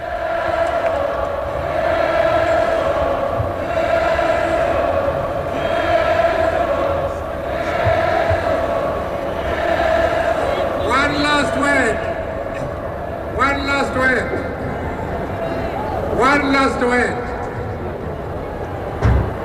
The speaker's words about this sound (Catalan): Así que, de todas formas, tenemos el sonido de todo el ambiente de la juventud que está llenando el Palau Sant Jordi y que recibía con calurosos aplausos al líder del Congreso Nacional Africano, Nelson Mandela. Escuchémoslos un momento.